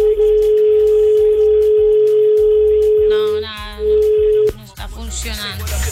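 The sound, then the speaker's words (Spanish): A steady telephone dial tone hums continuously for several seconds during an attempt to call a listener back after a misdial, briefly interrupted by a burst of warbling tones, then cuts off abruptly into muffled line noise and faint background sound. “Voy a intentar con el mismo oyente. De pronto fui yo que marqué mal.”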